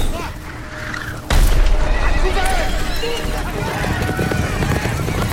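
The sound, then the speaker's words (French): Horses whinny and neigh repeatedly amid a loud, rumbling rush of cart wheels and hooves that surges in after a moment, with faint crowd noise in the background, as carts and horse-drawn carriages pass along a road between marching infantry in the stifling heat of a Russian summer. “Dans la chaleur étouffante de l'été russe, les fantassins avancent en double file de chaque côté de la route pour laisser passer les charrettes et les voitures à cheval.”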